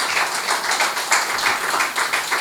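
Steady audience applause, a dense wash of many hands clapping at once, fairly loud and sustained throughout with slight rhythmic swells and no voices rising above it, as the audience claps while a performer looks for his capo.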